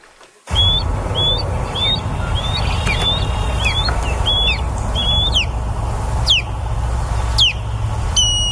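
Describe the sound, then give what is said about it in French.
Osprey calls ring out as a series of short, high, whistled chirps repeated in quick bursts, some rising and sharp, over a steady low rumble of background noise. “Ce qu'on entend là, c'est le cri, les cris là de balbuzards pêcheurs.”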